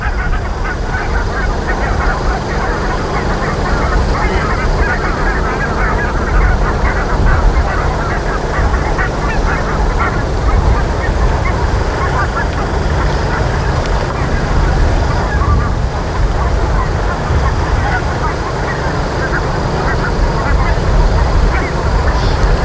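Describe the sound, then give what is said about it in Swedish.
A large flock of barnacle geese honks and yelps continuously, a dense overlapping chatter of many birds, steady and fairly loud against a low background rumble. “Ja, det man hör nu, det är en flock med vitkindade gäss.”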